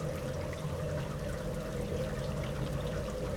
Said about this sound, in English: It's raining pretty hard here in Põlgaste, southeast Estonia.